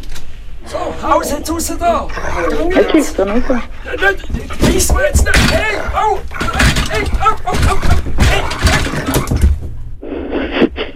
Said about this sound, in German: das ist ein wilder Fuchs, der im Wald gehört